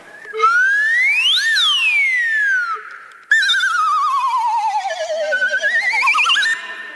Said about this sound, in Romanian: Acesta se numește fluier glissando.